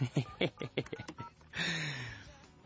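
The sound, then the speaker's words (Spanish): A quick run of about eight short telephone keypad beeps in an uneven rhythm as a call is dialed to someone's son, followed by a longer, steady buzzing tone that holds for about a second before fading. “Vamos a marcarle a tu hijo, ¿sale?”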